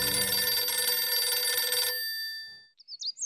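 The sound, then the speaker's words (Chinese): A loud telephone bell rings steadily for about two seconds as a phone call is made from a home at No. 6 Youlou Hutong, Shijingfang, in Beiping, then its metallic ring fades away, followed by a few faint, high chirping sounds. No one speaks. “于是便打电话把严佑文叫到了家里”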